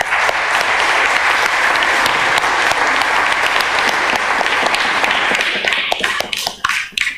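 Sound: audience applause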